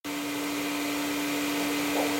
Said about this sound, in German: Ob der Sound des laufenden Staubsaugers suggeriert, dass eine Person, eben die Staubsaugende, in der Nähe sein muss und das Kind also nicht alleine ist?